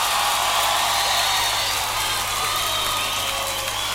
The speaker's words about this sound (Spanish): Y con esta tremenda ovación nos estamos retirando ya de arriba los dormilones, queridos amigos, amigas